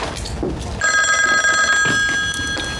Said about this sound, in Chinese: 队长，接电话。